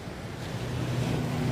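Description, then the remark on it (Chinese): A hollow, steady rushing like surf, the sound of the sea heard through an ear shell (a seashell) held to the ear, with a low resonant hum that swells slightly over the short stretch. No voices. “这个是耳朵螺，可以听一下大海的声音。”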